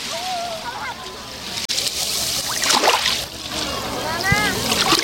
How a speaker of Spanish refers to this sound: Este es el sonido fantástico que tiene el mar Mediterráneo desde la playa de la Charca, que hoy está como un plato.